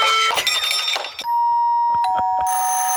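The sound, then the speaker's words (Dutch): Several doorbells ring one after another, bright overlapping chimes at first, then a steady electronic tone broken by a few sharp clicks before another high ringing chime starts. No one speaks. “Deurbellen dus eigenlijk.”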